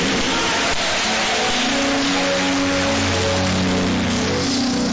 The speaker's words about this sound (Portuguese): Então assenta, isto, aplauda ao Senhor Jesus. Glória a Deus, mais alegres aplausos. Dá um glória a Deus aí.